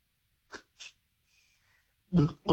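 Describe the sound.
A voice imitates a can being opened, as a reverse secret sound in a quiz: two short, soft breathy hisses and a faint thin whistle, then two louder, sharp puffing bursts at the end.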